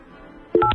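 A couple of quick, loud telephone keypad beeps, the paired-pitch dialing tones pressed in rapid succession after a faint hiss, with no talking, as someone dials their own phone number.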